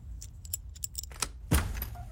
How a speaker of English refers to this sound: How'd you get that door open? I picked the lock. Is that one of your Santa powers? No, I watched a YouTube video.